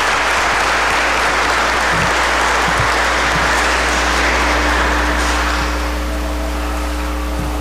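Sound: audience applauding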